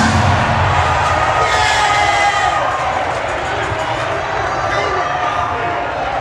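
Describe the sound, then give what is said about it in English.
A crowd hollers and cheers after a call to holler, in a loud, continuous roar of overlapping shouting voices, steady throughout with no pauses, a dense wash of excited yelling. “Somebody holler for me.”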